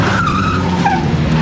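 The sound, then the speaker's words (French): Four old Traction Avant front-wheel-drive cars roar in at speed and skid to a halt at Dr Dugoujon's house, tires squealing in wavering high tones over a steady low engine rumble, loud and continuous for the whole moment. “Quatre tractions avant arrivent en trombe.”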